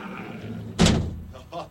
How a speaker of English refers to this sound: because I'm going to lock the door, and then that's it. I'm in for the night, so let's do this. Here we go, big-ass door. Here we go. Big-ass door.